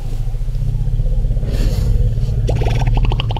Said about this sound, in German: Sie sind sogar ziemlich laut. Afrikanische Elefanten kommunizieren mit sogenannten Infraschalltönen, und zwar kilometerweit. So klingt es also, wenn wildlebende Elefanten sich zum Beispiel begrüßen.